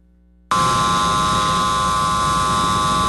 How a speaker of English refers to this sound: This drone and others like it will be able to disable other drones to keep the thousands of fans watching their favorite teams safe.